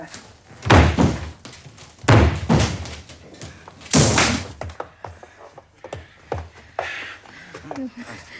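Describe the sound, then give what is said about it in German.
Three heavy thuds strike a locked door at roughly even intervals as someone breaks it open, each a loud, splintering impact, followed by softer knocks and scraping as it gives way. “Gehen Sie weg von der Tür, ja? Ja. Ich breche ja. Sie ein.”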